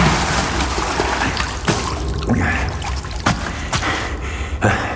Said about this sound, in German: Etwas strich über seinen Unterarm. Kid Elsvers Oberkörper schob sich aus dem Wasser.